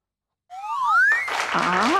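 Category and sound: crowd, applause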